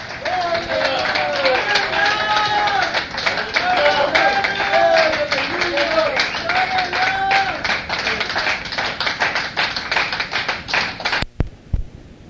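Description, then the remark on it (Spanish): An audience applauds in praise of God ("our King") steadily for about eleven seconds, dense loud clapping mixed with raised voices calling out over it, then it stops abruptly. “Otro aplauso a nuestro Rey.”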